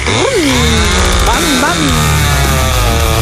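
A small, buzzy scooter engine, like a slightly tuned Vespa Special, starts up, whining and revving, its pitch swooping up and down in quick bursts before settling into a steady, loud drone.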